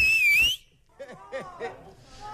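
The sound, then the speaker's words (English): A single very loud, piercing human whistle heard over a phone line blasts for about half a second, sliding slightly in pitch, followed by quieter voices talking. “Okay, I need your loudest whistle.”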